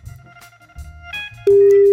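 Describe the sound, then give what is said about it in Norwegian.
A telephone ringing tone sounds while a call connects: after a stretch of low, muffled background noise, a loud, steady electronic beep starts abruptly and holds to the end. “Jeg driver bare ringer, så bare slapp av.”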